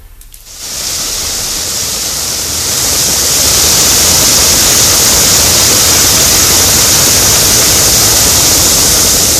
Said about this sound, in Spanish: Y se originó una enorme fuga, tremenda fuga. Agua de Puebla ignoró la fuga de agua y tuvieron que ir los bomberos.